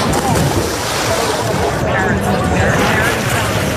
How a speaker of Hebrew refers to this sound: כך נשמעת הפסקה טיפוסית מיום הלימודים, לגדות נהר בלב הבירה ההולנדית.